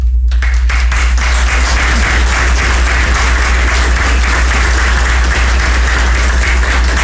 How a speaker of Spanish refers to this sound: Quiero brindar, luego de nombrarlos, por favor, un caluroso aplauso para nuestro amigo